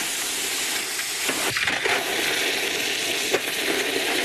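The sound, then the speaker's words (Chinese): A steady, loud hiss and sizzle fills the whole stretch, with brief bursts of crackle layered over the continuous steamy rush, as a polished knife blade, put back in the forge, is given its final quench. “会将已初步打磨光亮的刀身重新入炉，进行最后一次精准淬火。”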